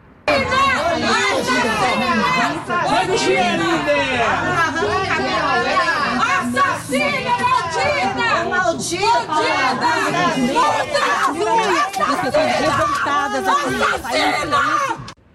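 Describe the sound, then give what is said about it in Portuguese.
A dense crowd of neighbours and other waiting people shouts and clamors in revolt at once, loud and continuous, with overlapping angry cries and some scattered jeering laughter throughout, as a housekeeper arrives under police escort for a crime reconstruction. “Ao chegar no local escoltada por policiais, a diarista foi recebida sob gritos de revolta de vizinhos e outras pessoas que aguardavam a chegada para a simulação.”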